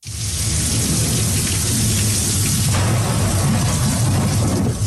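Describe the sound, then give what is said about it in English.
Heavy storm rain pours down steadily, with a deep rumble of thunder rolling underneath throughout; no voices are heard. “A storm is bearing down on the U.S. Gulf states.”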